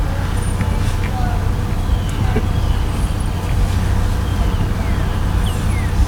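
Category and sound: vehicle, car rumbling past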